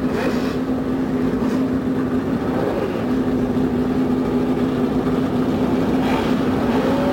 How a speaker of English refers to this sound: The roar from 35 normally aspirated engines goes up along the main straightaway here at the Indianapolis Motor Speedway.